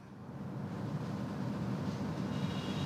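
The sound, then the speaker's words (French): A reconnaissance drone buzzes over Beirut, Lebanon, in a steady, continuous low drone, fairly faint, holding an even level for the whole stretch with no voices. “On a ce bourdonnement qui peut être audible pour vous à Paris via notre micro”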